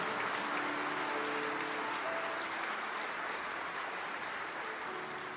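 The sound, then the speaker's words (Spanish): Steady applause for the Lord from an audience, a dense continuous wash of clapping that holds at an even level for several seconds with no one speaking over it. “Y dale aplausos a Él.”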